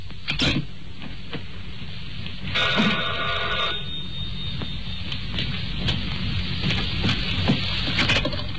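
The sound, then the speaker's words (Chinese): A telephone bell rings in a sustained metallic trill for about a second and a half, moderately loud against a steady background hum, with a few faint clicks before and after, as a morning long-distance call is placed to the Paris exchange. “第二天一早弗洛内起来就打电话，说明昨晚上他干得挺顺的。”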